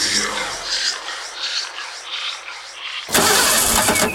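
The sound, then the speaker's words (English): A car starter motor cranks repeatedly in a rhythmic, labored whir for about three seconds after the wrong fuel was put in the car, then the engine catches abruptly and roars to life, loud. “Ah, ship, you've put the wrong fuel in your car.”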